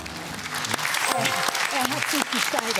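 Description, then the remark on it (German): Steady applause from a crowd, a dense wash of clapping that holds at an even loudness for the whole stretch, with a few voices calling out and chattering underneath. “Applaus.”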